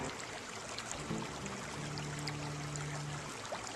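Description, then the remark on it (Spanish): Hot water pours steadily into a patient's foot bath, added to keep it warm: a continuous splashing trickle with a rising tonal gurgle as the level fills. No one speaks; the sound is moderately loud. “Vamos a añadir periódicamente agua caliente al baño de pies para mantener el calor.”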